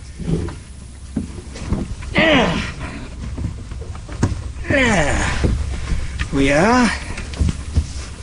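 A man climbs aboard a lobster boat in the morning, with strained grunts or creaks rising and falling in three bursts, scattered knocks and shuffling, over steady outdoor wind and water background.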